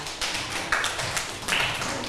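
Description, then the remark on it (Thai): A group of students claps together for a classmate who answered during a lesson on magnets, a steady patter of many hands with a few louder bursts, lasting about two seconds with no talking. “เห็นด้วยกับเพื่อนไหมคะถ้าเห็นด้วยกับเพื่อนนะคะปรบมือให้กับเพื่อนหน่อยค่ะ”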